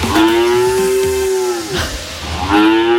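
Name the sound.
cow mooing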